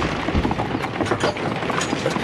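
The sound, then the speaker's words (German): Hooves of carriage horses clatter in a quick, uneven rhythm over a dense, steady rumble of carriage wheels rolling at speed as the coachman whips the horses, loud, with no voices. “Er gibt den Pferden die Peitsche. Warum rast er denn jetzt bloß so?”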